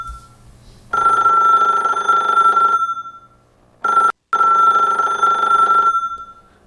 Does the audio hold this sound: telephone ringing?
yes